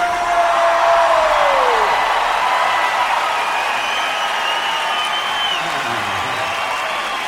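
A large crowd cheers and applauds loudly and steadily, with dense clapping, rising whoops and shouted voices filling the whole stretch without letting up.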